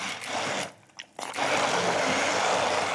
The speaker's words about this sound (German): Und jetzt geben wir hier mal diese Brotkrumen rein und ich hoffe, dass der Pürierstab das schafft. Die sind geröstet vorher, ne? Genau, ist ein bisschen geröstet. Mal gucken, ob der das macht.